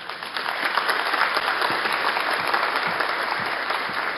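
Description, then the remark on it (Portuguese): Sustained applause from an audience at a ceremony of a Templar order, honouring the order's first lady, a dense steady patter of many hands clapping at an even loudness for several seconds with no voices on top. “Um aplauso.”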